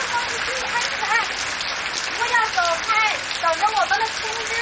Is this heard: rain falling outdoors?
yes